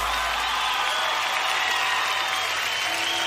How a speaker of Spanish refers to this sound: los aplausos a toda la gente que nos acompaña esta tarde.